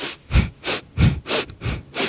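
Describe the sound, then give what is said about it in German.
Quick, forceful breaths through the nose repeat in a steady rhythm, about three per second, each a short airy rush, clear with no talking, done as a fast breathing exercise. “Also wir atmen nach links ein.”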